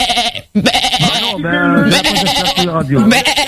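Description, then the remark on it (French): Human voices mimic sheep, producing loud, wavering bleats one after another with a brief pause early on, sometimes overlapping as if more than one person joins in. “Non, on est des moutons, non, on est des moutons.”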